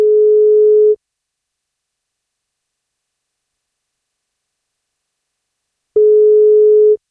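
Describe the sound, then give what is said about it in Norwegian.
A telephone ringback tone sounds twice while a call is placed to a person on her birthday, each steady one-second electronic beep followed by a long silent gap, clear with no voices present. “Hun fyller 58, men for at hun skal få bursdagskake, så må hun svare når vi ringer.”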